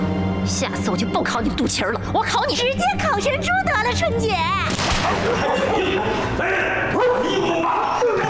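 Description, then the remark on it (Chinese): A dog being set on a woman barks repeatedly in sharp bursts while people shout and cry out over it, the whole scene loud, chaotic and continuous. “好啊，那我就让这只狗来，我就不信你不怕。”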